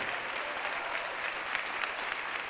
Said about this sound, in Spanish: Gloria a Dios, démosle fuerte ese aplauso al Rey.